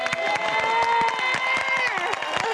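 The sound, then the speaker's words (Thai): An audience claps steadily and densely for a song over its lingering musical tones, the applause bright and loud throughout with a faint cheering murmur mixed in. “ปรบมือค่ะ”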